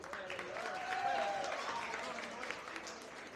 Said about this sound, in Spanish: No, no, el presidente Luis Abinader. Un aplauso para él.